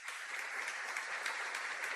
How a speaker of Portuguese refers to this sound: Gente, aí merece duas salvas de palmas, não é isso?